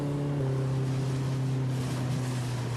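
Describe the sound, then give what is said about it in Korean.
A boat's engine drones steadily with a low, even hum as the boat moves forward, over a continuous wash of water and wind noise, with no pauses and no voices. “저기 배가 보입니다. 시간을 거슬러 가는 것 같습니다. 보트는 앞으로 가고 있는데 저희는 과거로 가고 있는 것 같아요.”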